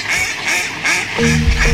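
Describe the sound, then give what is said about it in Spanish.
Ducks quack loudly, a quick run of four or so raspy, nasal calls in a steady rhythm, with a low hum joining in near the end. “Yo creo que las bendis con unos patos, ¿no?”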